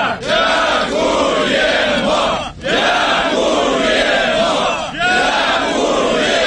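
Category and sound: crowd, crowd chanting and cheering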